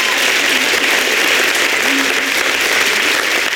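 Sustained audience applause for a poet after a poetry performance at a poetry contest evening, a dense and steady wash of clapping that stays loud and even for the whole stretch, with a faint voice briefly audible underneath.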